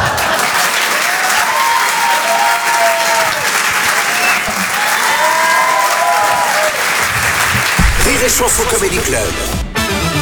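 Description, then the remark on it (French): A large audience at a comedy club show claps loudly and steadily for comedian Aymeric Lompré, a dense wash of applause with cheers and whistles rising over it, shifting near the end as a voice cuts in. “Je demande également un tonnerre d'applaudissements, s'il vous plaît, pour Aymeric Lompré.”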